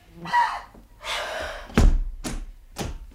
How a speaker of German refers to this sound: Aber was ist dann los? Was schmeißt dann die Tür so zu und schließt ab?